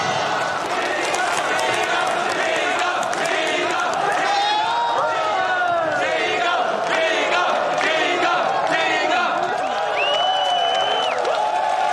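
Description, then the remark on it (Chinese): A dense, steady wash of crowd applause and cheering from wedding guests for the newlyweds carries on for about twelve seconds, loud, with excited voices and whoops rising over the clapping. “让我们再次把掌声送给二位新人。”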